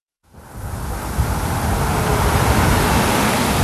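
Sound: street traffic ambience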